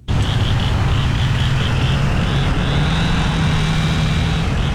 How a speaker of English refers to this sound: Morning after the tornado, the Wash Trailer Park in Bogachitta was filled with the sounds of saws, truck engines, and people calling out across the wreckage.